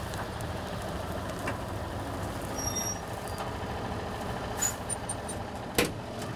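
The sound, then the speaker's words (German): A farm tractor's diesel engine rumbles steadily and low as it arrives during the wheat harvest to relieve the other tractor at the combine, with a few sharp metallic clanks and brief hissing bursts near the end. No one speaks. “Aber jetzt muss sie erstmal einen der beiden Trecker fahren.”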